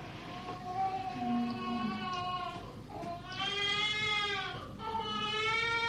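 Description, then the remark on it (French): A newborn baby cries at birth in three long, wavering, high-pitched wails with a bleating, trembling quality, loud and steady with brief breaths between them and no talking. “Voilà, bébé qui arrive au monde.”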